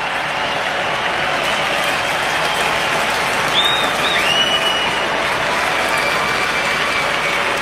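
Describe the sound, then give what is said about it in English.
A baseball stadium crowd at a Cubs versus Blue Jays game roars loudly and steadily for several seconds on a full count with the Blue Jays down to their last strike, a dense wash of cheering and clapping with a couple of brief high whistles rising out of it midway. “Full count. Crowd making noise.”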